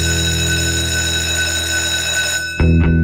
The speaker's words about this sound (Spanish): suena el timbre aquí en la sala de clases de Academia de Emprendedores